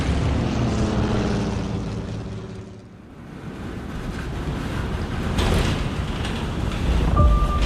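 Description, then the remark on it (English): A propeller airplane engine drones loudly with a steady tonal hum, briefly dips, then gives way to a rough, roaring rush of engine and wind noise that swells again near the end, as the plane, hit by strong turbulence over a snowy mountain pass, goes into an out-of-control nosedive. “We're in a nosedive. The plane's totally out of control.”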